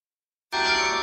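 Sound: church carillon bells ringing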